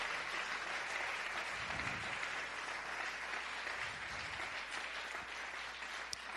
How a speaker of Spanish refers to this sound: Dale un aplauso a Él esta noche. Aleluya.